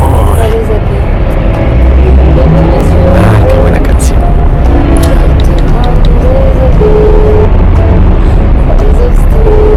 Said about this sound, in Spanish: ¡Qué tráfico! Esta ciudad es imposible.